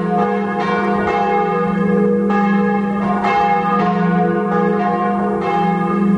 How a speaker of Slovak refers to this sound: Zvonař určitě utíká ke zvonu a první, co udělá, tak po stranění těch nánosů, které na něm byly, tak na něj zazvoní, zjistí, jaký má hlas a jestli může mu dát vlastně ten rodný list, aby opustil zvonařskou dílnu a odešel k objednavateli.